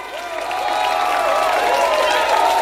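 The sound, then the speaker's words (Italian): An audience at a live concert applauds an Australian trio, a dense, steady wash of clapping that swells slightly at the start and holds loud throughout, with voices cheering and whooping above it. “Applausi, applausi, grazie.”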